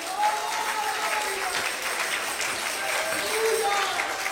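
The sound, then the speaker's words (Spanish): A church audience applauds the Lord Jesus Christ with steady, dense clapping that holds at an even level throughout, with faint voices and brief tonal calls rising above the noise. “Dale un aplauso al Señor Jesucristo.”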